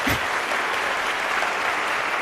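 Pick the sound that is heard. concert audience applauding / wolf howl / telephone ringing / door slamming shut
concert audience applauding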